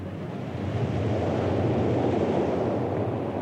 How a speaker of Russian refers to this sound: Ветры буйные подули, море взволновалось, бочку выкинуло на сухой берег, на желтый песок.